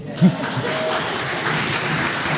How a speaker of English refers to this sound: Congratulations, Whanganui. Congratulations. Give yourselves a clap.